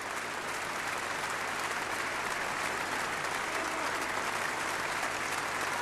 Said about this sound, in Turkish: Alkışlar size ulaşıyor.